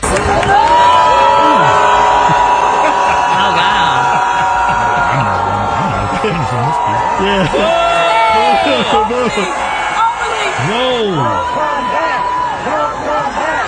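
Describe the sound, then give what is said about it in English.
A large crowd at a Howard University commencement in D.C. boos Mayor Bowser loudly and continuously, a dense mass of overlapping voices with rising and falling jeers and shouts, sustained at high volume throughout. “But at Howard University in D.C., Mayor Bowser got booed.”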